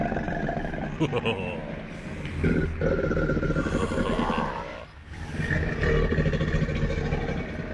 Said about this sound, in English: Even croc sounds?